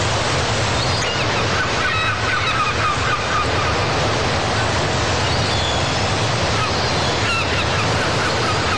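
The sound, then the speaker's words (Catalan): Seagulls call repeatedly in short, squawking bursts above a steady roar of breaking sea waves, the surf loud and continuous throughout while the birds cry out at intervals. “I com sempre, al llarg d'aquest estiu ens acabem refrescant el mar, en la fresa del mar i les gavines.”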